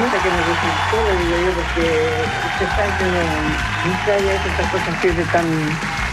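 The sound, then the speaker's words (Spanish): Continuous clapping from an audience in praise of a woman's cooking fills the whole stretch, steady and fairly loud, while a voice talks over it and low sustained tones sit underneath. “Pongan más aplausos, porque no.”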